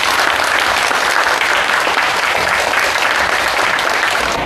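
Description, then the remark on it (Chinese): A class of students clap steadily and loudly for several seconds, welcoming a guest, a descendant of the martyr Fang Zhimin, to their classroom. The dense patter of many hands holds an even level throughout with no voices standing out. “大家掌声欢迎。”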